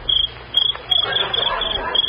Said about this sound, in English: Just a little cricket. Some noise they get by rubbing their legs together. That one must be wearing corduroy pants.